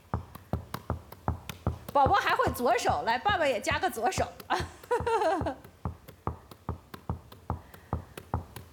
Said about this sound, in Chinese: 啊，爸爸也拍篮球拍得挺好的，是不是？来，也给我们展示一下，快快快！我们今天想看看爸爸，来，把掌声送给爸爸。来看看啊，好，开始，看看你跟爸爸谁拍得好。